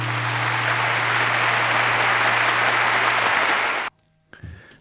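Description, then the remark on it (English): Dense, steady applause from a crowd rolls on at full loudness, then stops dead in an instant with no fade, leaving near silence and a faint stray noise. “with a complete cut off at the end of the applause. No fade out.”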